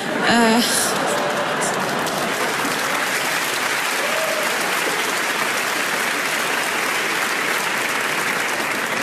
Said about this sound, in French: Ceux qui applaudissent, c'est les Lillois.